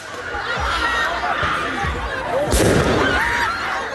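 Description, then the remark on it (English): Several fireworks bang and crackle in quick, irregular succession outdoors on the streets of a Paris suburb during protests, the loudest near the middle, over a steady din of crowd noise, shouting and scattered honks. “You could just hear what seems to be fireworks going off there.”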